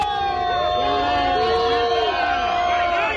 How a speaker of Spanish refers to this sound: Entre abucheos, al grito de vergüenza, enfado e indignación también en la Puerta del Sol